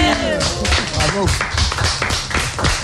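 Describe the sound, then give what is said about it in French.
A small audience claps in a loose, uneven patter of sharp slaps while voices talk and laugh over the start, the clapping carrying on steadily to the end. “Applaudissements, mesdames et messieurs.”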